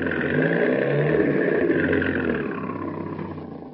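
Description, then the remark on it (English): A car engine roars steadily with a rough, throaty rumble as it pulls in behind another car, then eases off and fades slightly toward the end as the vehicle slows, with no voices. “All right, boys, pull in behind them.”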